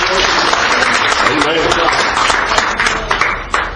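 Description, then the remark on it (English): An audience claps together in praise of God at a morning church service, a dense, sustained wash of many hands applauding, loud and steady throughout with no voices standing out. “let's give Him a good hand clap of praise this morning.”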